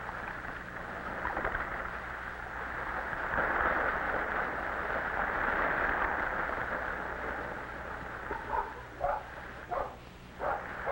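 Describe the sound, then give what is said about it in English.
Several short, excited puppy barks and yips pop up near the end as a stick is thrown far into the water, heard over a steady rushing wash of water or waves that fills the whole clip. “The puppies dance in excitement.”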